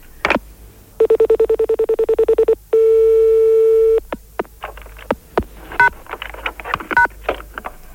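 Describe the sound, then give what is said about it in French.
Telephone tones play: a quick run of about a dozen short, even beeps, then one long steady tone, followed by scattered clicks and brief bursts of sound. “Oui, d'accord, alors je raccroche.”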